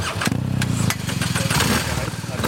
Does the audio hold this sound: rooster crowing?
no